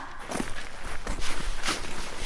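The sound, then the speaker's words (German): Steady footsteps of children walking at an even pace toward an abandoned school, several distinct treads over about two seconds, moderately loud, with no voices over them. “Kommt, wir gehen hin.”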